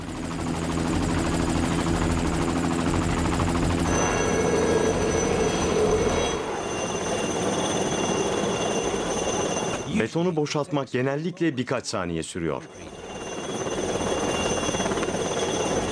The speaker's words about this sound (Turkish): Ancak birden tehlikeli bir durum ortaya çıkıyor. İki işçi sıkışan beton kovasıyla uğraşırken helikopterin güçlü hava akımı devreye giriyor.